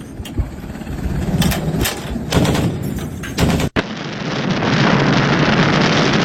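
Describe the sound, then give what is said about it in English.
Naval artillery gunfire booms in a rapid, irregular string of heavy blasts over a rushing background, then cuts to a steady, loud roar of wind and engine noise with no voices. “This is what naval artillery explosions look like when fired.”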